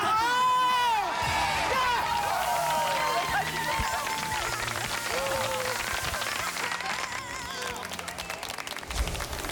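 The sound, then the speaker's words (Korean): Steady congratulatory applause from a TV singing-contest audience after a vocalist's stage performance, mixed with cheering, whoops and overlapping excited voices, loud and continuous for the whole stretch. “축하의 박수.”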